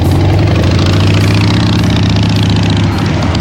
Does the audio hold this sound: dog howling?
no